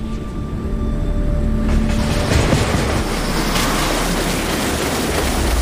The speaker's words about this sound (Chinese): 桥体下方，龙厦赣龙铁路列车每日以数百班次的频率呼啸而过，每一秒的通车过程都必须保证绝对的安全，没有任何容错的空间。